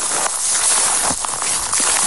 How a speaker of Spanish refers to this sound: Así suena el suelo, los palos y las ramas de los pocos árboles que quedan. Son las pisadas de nuestro compañero